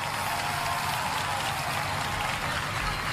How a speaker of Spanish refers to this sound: Que el futbolista soy yo, pero sin esta persona aquí, yo creo que este niño que se fue de su casa no hubiera sido posible, así que quiero que le deis el más fuerte aplauso para él porque se lo merece.